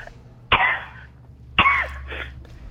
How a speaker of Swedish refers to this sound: Jävla hosta.